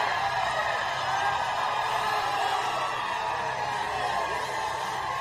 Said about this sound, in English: Just cheering him like he's a rock star, you know.